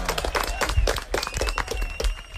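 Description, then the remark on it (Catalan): A burst of loud applause on a quiz show after a correct answer (El Tajo), many hands clapping in a dense, irregular patter that keeps up steadily for a couple of seconds, with a faint murmur of voices mixed underneath. “Tajo, correcte. Fort aplaudiment.”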